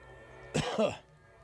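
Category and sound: human body sound, cough and throat clearing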